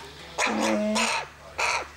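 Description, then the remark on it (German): A carrion crow caws three times in harsh, raspy bursts with uneven gaps, loud against a low steady background hum; no one speaks. “Das Rabenkrähe. Die werden sehr anhänglich, wenn man sie mit Hand aufzieht.”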